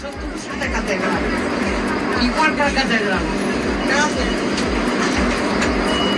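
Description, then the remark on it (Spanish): Inside a packed public transport bus, line 1 in Santiago de Compostela, full of standing passengers asking for the door to be opened: a dense babble of many passengers talking at once over a steady, rumbling engine drone with rhythmic low thumps, continuous and fairly loud throughout. “Línea 1 absolutamente llena de usuarios que estaban de pie,”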